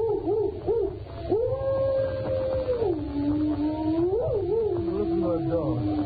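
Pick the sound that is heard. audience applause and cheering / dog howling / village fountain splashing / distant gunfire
dog howling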